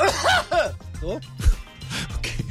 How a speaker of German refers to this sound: Lustiger wäre es gewesen, wenn ich jetzt so richtig schlimm im On gehustet hätte. Weißt du, so.